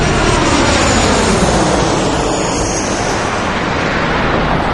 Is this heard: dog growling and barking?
no